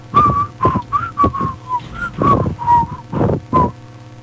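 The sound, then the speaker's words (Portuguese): Someone whistles a short melody from an old international rock song, about a dozen distinct notes rising and falling in a steady rhythm with breathy puffs between them, and no talking. “Eu não sei, eu só lembro que na música tem um assobio, sabe?”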